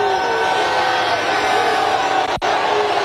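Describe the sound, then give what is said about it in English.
A large crowd at an event with the President boos a protester loudly in a dense, sustained roar of many voices that fills the whole stretch, with only a momentary dip near the end. “Everybody else booed him down.”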